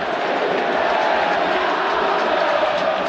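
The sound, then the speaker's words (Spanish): A dense, steady roar of football fans chanting and cheering in a stadium in support of goalkeeper Fernando Mulera after he saved a penalty, a continuous wall of massed voices that stays loud and even for about three seconds, with no single voice standing out. “Y los hinchas, con su grito estentorio también, le ratifican el respaldo y la confianza a Fernando Mulera.”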